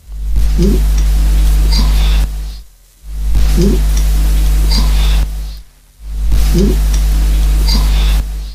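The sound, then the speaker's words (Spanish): A psychophony recording made in white noise: steady, loud hiss plays in three bursts separated by short silences; each burst carries a faint, murmured voice-like sound buried deep in the static, seeming to say something like "sí". “decidieron pues hacer una grabación, en este caso en el ruido blanco, y vale, la voz que le sale dice algo así como sí.”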